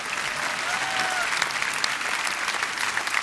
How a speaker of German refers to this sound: Und auf den Weg zum 40. deutschen evangelischen Kirchentag. Er findet statt, jawohl, Applaus an dieser Stelle.